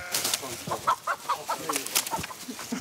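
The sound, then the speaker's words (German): Chickens cluck in a quick, irregular string of short calls, with scuffling and rustling noises mixed in throughout, as an escaped hen heading for the chicken meadow is cornered from all sides. “Aber jetzt ist ein Huhn entkommen.”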